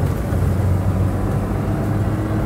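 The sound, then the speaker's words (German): A car drives along with a steady, low engine hum and road rumble, constant, with no voices. “Halten Sie sofort das Auto an.”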